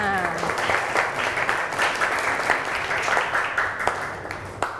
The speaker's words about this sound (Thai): มีกลุ่มไหนคะที่จะตอบเพื่อนตอบแล้วเมื่อกี้ปรบมือให้เพื่อนก่อน